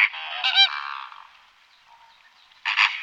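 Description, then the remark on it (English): Flamingos honking, loud goose-like nasal calls in two close bursts at the start and end, with softer flock chatter continuing between them and no talking. “But I heard them making noises a lot, and it's crazy how loud they can be.”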